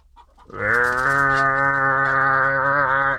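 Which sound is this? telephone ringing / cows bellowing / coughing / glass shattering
cows bellowing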